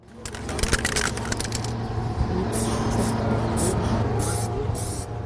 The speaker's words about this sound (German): in der Hand eine Spraydose. Doch was er an die Turnhalle sprayt, ist kein hastig hingeschmiertes illegales Graffiti mitten in der Nacht, sondern Teil eines großen Jubiläumswandbilds